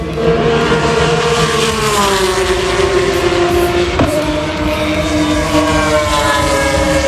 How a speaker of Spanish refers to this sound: Así suena la Fórmula 1 en Madrid.